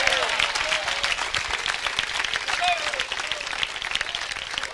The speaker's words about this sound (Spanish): Denle fuerte ese aplauso a Dios.